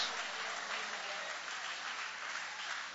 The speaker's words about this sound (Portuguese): Guarda a Bíblia com carinho e aplaude a Deus com alegria. Aplaude mesmo o nome de Jesus.